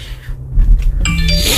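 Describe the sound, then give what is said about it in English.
A phone notification chime sounds after a brief low rumble, a bright electronic tone that rings out clearly and sustains for about half a second with no one talking. “Five notifications.”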